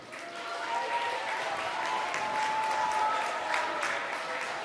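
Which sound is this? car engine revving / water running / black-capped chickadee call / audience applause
audience applause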